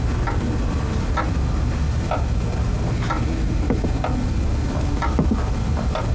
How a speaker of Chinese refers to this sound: 哎，你也去吧，火上的锅我看着，还有时间。